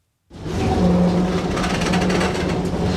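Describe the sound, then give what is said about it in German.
An old blue tram rattles slowly along the coastal road in Alexandria, Egypt, its motor humming low beneath a continuous clatter of wheels and body, fairly loud throughout. “Langsam ruckelt die blaue Straßenbahn die Küstenstraße entlang.”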